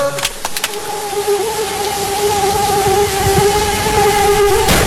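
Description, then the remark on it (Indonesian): A mosquito's steady, thin whine drones for the whole stretch, holding a nearly constant pitch with slight wavers, accompanied by a few sharp clicks and a faint background hiss. “Gigitan nyamuk sangat menjengkelkan.”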